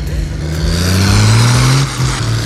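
A heavy diesel engine rumbles up close and revs, its low drone rising steadily in pitch as it pulls under load, then dropping briefly before picking up again.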